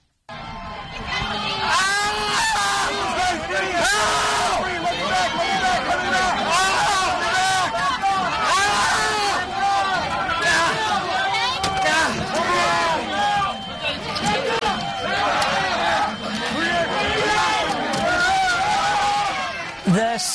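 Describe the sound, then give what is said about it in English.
On January 6, 2021, a rioting mob crushes a Metropolitan Police officer against a door: a dense, loud roar of many voices shouting and screaming over each other, continuous and chaotic throughout, with occasional higher cries rising above the din. “In this tape, you hear Officer … as he's pinned against a door by the mob.”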